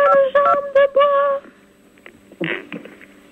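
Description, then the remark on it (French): A quick run of about four telephone keypad beeps, clear and fairly loud, each tone cut short with brief gaps, as someone plays with a phone key during a live broadcast, followed by faint background rustling and murmurs. “Alors, donc la question, merci pour celui qui s'amuse avec cette touche de... téléphone.”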